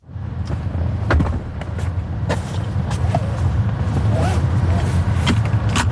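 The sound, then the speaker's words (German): Inside a self-driving robotaxi in Otelfingen, Switzerland, with a steady low engine rumble, a series of sharp clunks and clicks as passengers open and close the car doors and buckle their seatbelts themselves, with faint voices now and then. “Türen auf- und zu machen und sich angurten. Das muss man im Robotaxi noch selber machen.”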